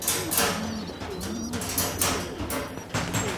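Several pigeons coo continuously, their low, throaty warbling calls overlapping, with occasional soft rustling bursts like fluttering wings. No one speaks.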